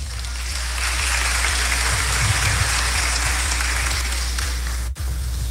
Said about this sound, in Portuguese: Palmas, gente.